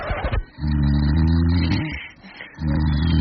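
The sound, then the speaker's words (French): Loud snoring from a sleeping partner in bed: two long, rumbling, throaty breaths with a growl-like buzz, separated by a short quieter pause, after a brief rustle at the start. “Oui, votre conjoint dort, et oui, votre conjoint ronfle.”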